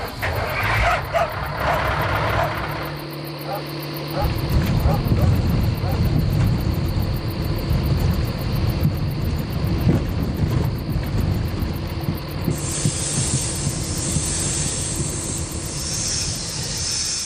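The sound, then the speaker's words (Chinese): A heavy truck drives late at night along a patrol access road above a buried pipeline, with a steady, loud low rumble that swells after a few seconds and keeps churning, with a hiss of road noise above it. “贪图一时方便，在埋地管道上方巡查便道上行驶重型车辆，看似抄了近路，实则踩在了危险的边缘。”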